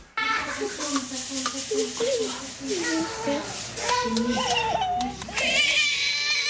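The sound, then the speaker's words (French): A happy baby babbles and coos while grabbing its feet and sucking its toes, a steady run of high, gliding little vocal sounds rising and falling over a soft, hissy background. “Bah, vous n'avez pas l'image, mais je vous la donne, un bébé tout heureux d'attraper ses pieds, de sucer ses orteils, ce qui démontre une certaine souplesse qu'on n'aura pas forcément quelques années plus tard.”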